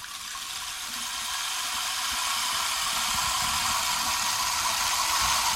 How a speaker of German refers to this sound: Und das Wasser rinnt über mich. Es rinnt, es rinnt, es rinnt, es tröpfelt, es bewegt sich, es tröpfelt, es läuft an mir herab. Das Wasser läuft an mir herab.